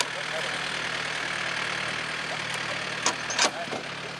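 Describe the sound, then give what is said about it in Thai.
A hired tractor's engine runs steadily throughout, a continuous droning rumble with a couple of brief clanks near the end. “พอซื้อแล้วเขาก็ไปจ้างรถไถวิ่งขึ้นมาครับวิ่งแล้วก็แก้ขึ้นมาครับ”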